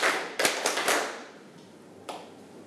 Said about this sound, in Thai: ถ้าพร้อมแล้วปรบมือ5ครั้งถ้าพร้อมแล้วปรบมือ2ครั้งปรบมือ5ครั้ง